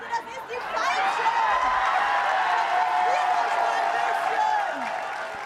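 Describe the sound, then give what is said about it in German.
An audience in Plau am See cheers and claps for actress Annette Frier as she comes down the stairs. It is a steady, loud roar, with high whoops and shouts rising above it for the whole clip before easing slightly at the end. “Wenn eine Frier die Treppe runterkommt, dann jubelt natürlich Plau am See.”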